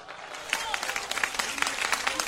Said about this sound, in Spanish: Un aplauso no vale si usted no glorifica. Más fuerte, hermano.